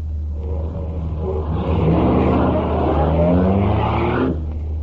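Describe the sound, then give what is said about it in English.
A souped-up car engine revs and accelerates, its rising harmonic whine climbing in pitch over a steady low rumble, loud and continuous before cutting off near the end. “Ain't he kind of old to drive a souped-up buggy like this?”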